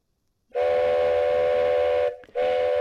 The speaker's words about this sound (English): On this tooty Thursday, yes, I get to toot once a week. Probably more than most people get to toot. But yeah, the train, we love the little train tooter.